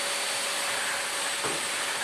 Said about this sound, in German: Einfach vorher nochmal schnell durchsaugen.